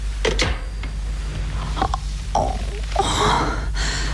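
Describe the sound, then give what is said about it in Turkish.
A series of sharp, ragged gasps and strained breaths, fairly loud, as a woman struggles for air amid faint background clatter, with no spoken words. “Nefes alamıyorum.”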